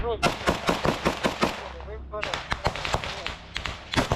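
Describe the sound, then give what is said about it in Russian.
Rapid, irregular bursts of gunfire crackle through the whole stretch in a combat video, sharp repeated shots with a brief lull midway, while a faint voice murmurs underneath; the fire contact is apparently not yet aimed at the filmed group. “Мы посмотрели с вами около 8 минут видео, и только сейчас противник встречает какой-то огневой контакт, который, судя по всему, даже не в них еще стреляет.”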